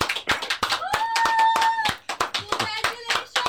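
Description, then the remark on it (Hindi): A small group claps in scattered, overlapping bursts for a few seconds at a showroom opening after a ribbon is cut, the sharp hand claps loud, with no one speaking over them. “ताली बज रही है. कौन है? ये ताली बजा रहे हैं सर.”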